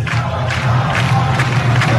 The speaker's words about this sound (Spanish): La albirroja, la albirroja. ¿Se escucha? Ah, está cantando la albirroja. La albirroja, pero son los familiares de los jugadores de Paraguay. Así mismo. Apoyando a los suyos, ¿no?